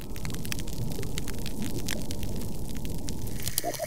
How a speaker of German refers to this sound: Doch die Korallen werden nicht nur immer blasser, sie werden auch immer stiller. So hört sich ein degradiertes Riff an.